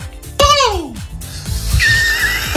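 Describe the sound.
A person imitates a peacock's call with a loud, high, wailing cry that sweeps downward, followed by quieter vocal noises and a thin whistle-like tone.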